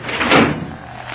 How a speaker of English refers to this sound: Open the elevator. Hey, third floor, ain't it? I'll run it.